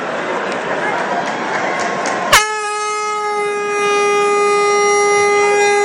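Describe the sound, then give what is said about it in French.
Noisy crowd-like rumble, then a sudden click and a loud, steady horn blast starts about halfway through, holding one bright, buzzing pitch right beside the commentators until the end; a horn sounded at the end of a match involving Nice, because the siren did not sound. “Voilà, la bonne trompette, on l'avait juste à côté, c'était nickel.”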